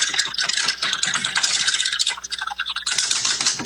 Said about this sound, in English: All right, …, are you ready to spin that wheel? I am. All right, spin it.